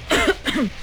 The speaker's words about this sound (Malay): Ha, aku dengar kau cakap pun macam susah je nak cakap. Bunyi macam dah lama je kau batuk.